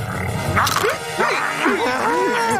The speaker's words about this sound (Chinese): 哦，别生气了，狗狗。